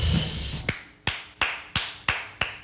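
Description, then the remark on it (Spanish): A thin, feeble round of applause celebrating someone's birthday and three months without smoking tobacco: six sharp, evenly spaced claps at a steady, unhurried pace, quiet and lone, after a brief moment of low murmur, with no talking. “Mae, se oye un aplauso muy paupérrimo, mae, pero déjeme decirle que me alegro por dos cosas.”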